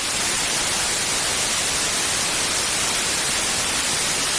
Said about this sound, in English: We could go off the air, and you could be hearing static.